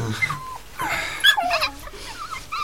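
Several high, thin squeaks and whimpers from a litter of five young puppies, coming in short irregular bursts with soft rustling and snuffling between them.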